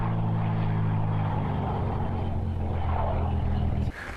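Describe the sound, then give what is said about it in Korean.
A small propeller plane's engine drones loudly as it arrives in South Australia, a steady buzzing rumble that holds for several seconds before dropping off abruptly near the end. “드디어 오늘 저희가 타게 될 비행기가 도착했습니다.”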